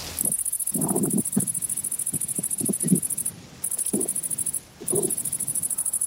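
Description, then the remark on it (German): A grasshopper chirps in a steady, high-pitched buzzing trill that runs on with two brief pauses, accompanied by soft low rustling and tapping sounds. No one speaks. “Das klingt nach einem Grashüpfer.”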